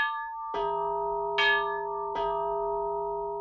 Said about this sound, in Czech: Do třetice ho probudilo zvonění. Bim bam, bim bam.